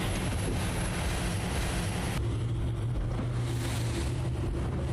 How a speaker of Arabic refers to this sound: العبور على هذه الأمواج لا يبدو سهلا مع كثافة الرياح، أكثر من 40 ميلا بحريا يتعين علينا أن نقطعها للوصول إلى أهم نقطة اشتباك على البحر الأحمر.